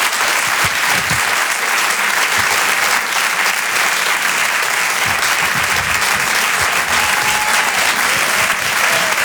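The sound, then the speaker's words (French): A large audience at a comedy show claps steadily and loudly to welcome comedian Donnell Jacksman on stage, a dense, continuous wash of hand claps lasting several seconds without pause, with no one speaking over it. “Je vous demande un tonnerre d'applaudissements s'il vous plaît pour Donnell Jacksman.”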